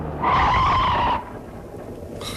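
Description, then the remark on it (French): A car skids, its tires letting out a loud, sustained screech for about a second, then fading into low rumbling road noise before a brief sharp burst of sound at the very end as the car hits a motorcycle. “Mais quoi, en marche arrière, non, la moto est coincée sous les cieux.”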